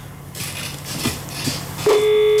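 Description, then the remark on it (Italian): A hissy, crackling telephone line on a call to the switchboard of the TV channel La 7, then a steady electronic ringing tone cuts in near the end and holds, loud and continuous. “È il centralino. Ma che suoneria?”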